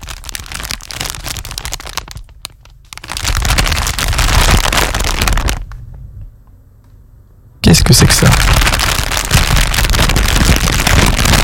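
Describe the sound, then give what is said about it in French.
A plastic bag crinkles in three loud bursts of dense, crackly rustling separated by short pauses, with a person briefly speaking partway through. “C'est un sac plastique.”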